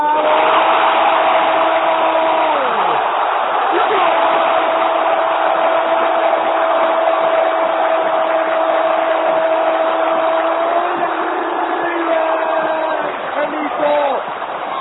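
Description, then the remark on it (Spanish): A huge crowd at River Plate's Monumental stadium roars continuously after Correa scores for River from a penalty free kick, a loud, dense wall of cheering with steady sustained tones running through it, easing slightly near the end. “Lo grita todo River.”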